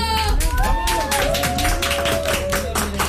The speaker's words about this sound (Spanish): Y para irnos a esta canción, les pido un aplauso.